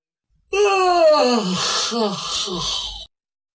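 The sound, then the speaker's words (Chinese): A man's voice imitates the character Yang Zhong stretching and giving a long, drawn-out yawn, fairly loud, starting high and sliding down into a breathy, wavering moan that lasts about two and a half seconds. “当他诉说完了的时候，他自己忽然间如梦初醒，他明白过来，伸了个懒腰，他打了个哈欠。”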